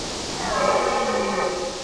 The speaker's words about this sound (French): Oh, un grognement très sonore. Ça doit être une grosse bestiole. Le grognement se rapproche. Ça ressemble à un brame de cerf. Brrr, il fait frais par ici. C'est encore l'hiver dans cette immense plaine de Suède.